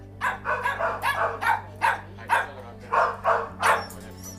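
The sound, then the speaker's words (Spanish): Several dogs bark in quick, repeated bursts, roughly a dozen sharp yaps over a few seconds, with occasional whimpering mixed in and a steady low hum underneath, at the Anerpa animal shelter in Alguazas, which houses more than 50 dogs and cats. No one speaks. “Es la banda sonora de cada día en la protectora Anerpa, en Alguazas.”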